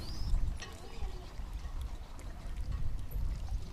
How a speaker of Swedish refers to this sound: Mm, där klukkar vågorna i gäst, eller vid gästhamnen i Lovisa,